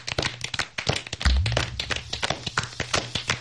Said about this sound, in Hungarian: Tapsoljuk meg farkas urat. Remek volt.